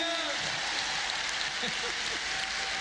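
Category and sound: crowd, audience applause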